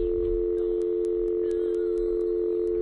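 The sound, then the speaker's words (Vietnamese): A steady, continuous telephone dial tone, heard after the handset of a malfunctioning phone is lifted, hums at even volume throughout, clear, with faint clicky ticks scattered over it and no one speaking. “thử nhấc điện thoại xem có được không.”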